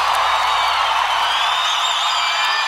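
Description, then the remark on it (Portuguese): A large crowd applauds steadily, a dense wash of clapping that stays loud and close throughout, with a few faint cheers or whoops rising above it. “Aplauda o Espírito Santo de Deus.”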